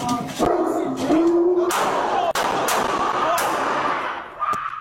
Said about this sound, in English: Is the dog put away? Sorry, he's not aggressive. Oh, he's huge. You know what I mean? Put him in.